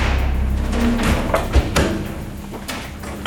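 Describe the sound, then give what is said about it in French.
A heavy armored metal door weighing several tonnes, with hinges 20 cm by 10, thuds shut with a deep impact, followed by a couple of duller knocks and clanks against a low background rumble. “Donc les portes sont blindées et lorsque les portes sont fermées, on est entièrement entouré de métal.”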